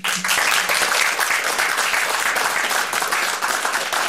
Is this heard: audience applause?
yes